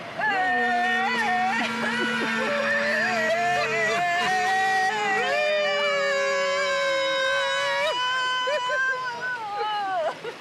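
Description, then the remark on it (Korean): A Korean person in Denizli, Turkey, imitates a rooster crowing at a reporter's suggestion, holding one long, loud, wavering call for about ten seconds with rising and falling pitch, and other voices seem to join in over the top. “반신반의하는 저에게 닭 울음소리를 길게 내보라는 즉석 제안.”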